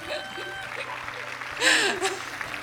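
A crowd applauds steadily throughout, a dense patter of many hands, swelling briefly louder near the middle, with scattered voices and a little laughter mixed into the clapping.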